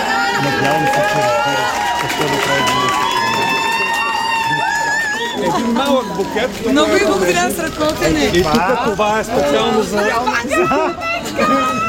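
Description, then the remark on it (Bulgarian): A large crowd of hundreds of fans cheers and calls out, welcoming a singer home to Bulgaria. Many excited voices overlap in a loud, continuous din that swells with shouts in the second half. “стотици фенове я чакаха с трепет.”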